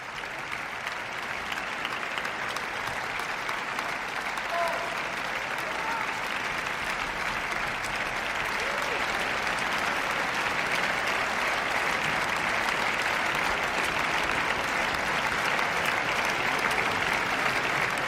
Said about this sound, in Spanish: Más y más aplausos para todos los miembros de la orquesta.